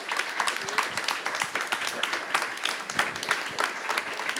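A crowd applauds a music group from Łódź, steady dense overlapping claps forming a continuous wash of sound at moderate volume, with no talking over it.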